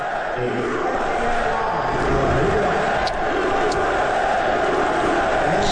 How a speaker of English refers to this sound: this was when they showed President Trump on the Jumbotron, the crowd chanting USA